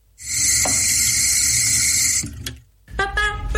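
A tap runs with a steady, loud hiss of flowing water for about two seconds, then shuts off, followed by a short clatter of small sounds.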